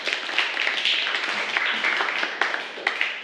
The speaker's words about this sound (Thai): ปรบมือให้กับกลุ่มที่2ด้วยค่ะ